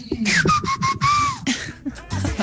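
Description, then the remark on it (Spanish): A woman whistles a short melodic tune, the clear sliding notes rising and falling over about a second before breaking off, with brief breathy sounds around it. “Eso, no sé a qué canción pertenecía el chiflido.”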